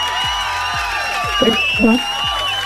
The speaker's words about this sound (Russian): И эти аплодисменты тоже для тебя.